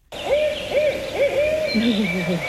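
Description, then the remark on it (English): A barred owl calls with a quick series of clear, rhythmic hoots, ending in a lower, drawn-out descending note, carrying on its own against faint background noise. “So this first one is the barred owl. It sounds like, who cooks for you?”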